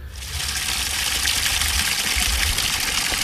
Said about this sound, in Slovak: Tak, aby chcel som ti najprv dať zvuk tohto nádherného potoka, ktorý rozdeľuje túto dedinu na polovicu.